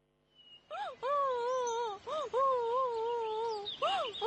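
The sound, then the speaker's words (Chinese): Loud crying wails from inside a small earthen house, an 8- to 9-year-old boy sitting on a kang: several long, drawn-out sobbing cries rise and fall in pitch, broken by short gasping pauses, with no other voices. “只有一户人家里传来了哭声，九叔感到奇怪，就循着哭声进入了那户人家。”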